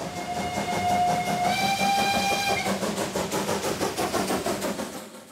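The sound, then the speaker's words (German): A museum railway's coal-fired steam locomotive, run during a festival week, chugs along with steady, rhythmic chuffing while its whistle blows a sustained tone that steps up slightly in pitch, then cuts off, leaving the loud beat of the engine. “Was mich fasziniert an der Dampflok ist das Zusammenspiel von Kohle, Feuer, Wasser, Dampf.”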